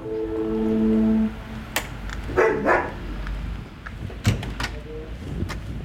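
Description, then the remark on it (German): A steady electronic tone, like a buzzer, sounds briefly, then a few sharp barks ring out from dogs as a visitor arrives, mixed with door clatter and a bump. “Ja, ich wollte die Hunde nicht verschrecken.”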